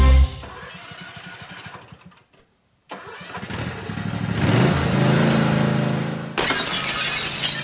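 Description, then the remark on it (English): A small lawnmower engine sputters and runs, cuts out briefly, then revs louder before a sharp burst of breaking glass, like a car side window shattering, with scattered debris after. No one speaks. “Open Monday through Friday from 8 to 5, Richie's can fix your broken automotive side glass from those pesky lawnmowers, even rock chips.”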